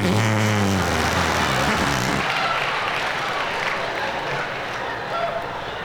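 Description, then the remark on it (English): A wet, buzzy arm fart made by pressing a hand into the crook of the elbow, a low sputtering tone for about two seconds, followed by steady rustling noise. “There are a lot of ways to make the fart sound when you're a kid.”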